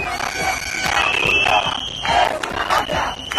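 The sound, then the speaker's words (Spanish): An angry crowd of protesters in Ceuta shouting over one another, accusing Red Cross food distributors for migrants of being a mafia, a dense roar of raised voices with sharper yells cutting through, loud and continuous, while a steady high whistle-like tone runs underneath. “Estaban acusándoles, lo escuchábamos, de ser una mafia.”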